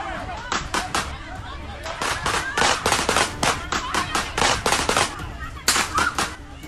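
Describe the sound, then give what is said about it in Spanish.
Rapid, irregular gunshots crack out in sharp bursts at a narco party in Barranquilla, Colombia, many loud pops in quick succession with short pauses between volleys, while voices murmur faintly underneath. “La música se detuvo y comenzaron los balazos.”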